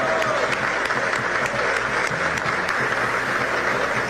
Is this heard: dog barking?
no